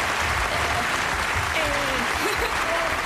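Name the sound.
studio audience applause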